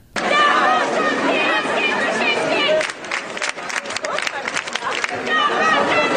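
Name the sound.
street protest crowd chanting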